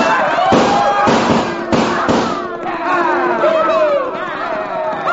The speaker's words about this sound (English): We lined up the herds about 8 abreast, packed close enough to just fill the pass so there'd be no turning back. And then with one wild whoop and the echoing roar of 6 guns, we started those cattle toward the barricade at a dead run.